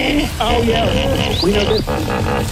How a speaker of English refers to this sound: We've seen tons of these in Africa in the water. What is it? Hippos. Yeah. That's a hippo.